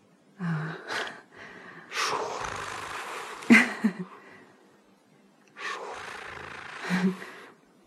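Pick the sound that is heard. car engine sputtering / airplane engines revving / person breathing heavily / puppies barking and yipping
person breathing heavily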